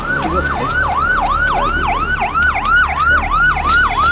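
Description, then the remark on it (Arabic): A police siren wails in rapid, repeating sweeps, loud, cycling steadily with a low rumble of traffic or engine noise underneath and no voices, as police rush to a crime scene in Alexandria. “بطبيعة الحال تم تبليغ الشرطة اللي جات على جناح السرعة.”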